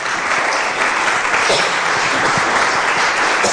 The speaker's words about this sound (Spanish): ¿Cuántos dicen gloria a Dios? Un aplauso al Señor, por favor.